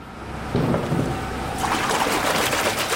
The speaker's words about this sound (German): Nein, hier wird keine schmutzige Wäsche gewaschen. Hier werden runde, silbrig glänzende Klötze in Wasserbäder getaucht. Dicke Stumpenkerzen könnte man meinen, aber es sind Kristalle, jeder einzelne um die 18 Kilo schwer.